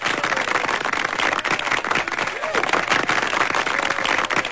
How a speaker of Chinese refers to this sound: 好的，掌声送给您啊。